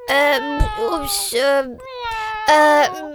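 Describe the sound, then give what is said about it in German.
A cat meows loudly, four or five drawn-out, whiny meows in quick succession with brief gaps between them. “Die Katze in deiner Liederkiste eingesperrt?”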